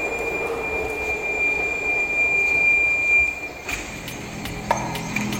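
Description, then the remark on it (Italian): A subway train runs steadily with a loud rumble and a high, thin metallic whine over it, then a few sharp clanks near the end. “Vediamo un pochettino dove arriviamo con la metropolitana.”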